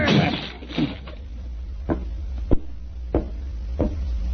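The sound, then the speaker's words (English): A locked door is rammed repeatedly with shoulders: about five heavy, dull thuds at uneven intervals, fairly loud, over a low background rumble. “Open the door. Well, it's locked. Never mind that. Get your shoulders into it.”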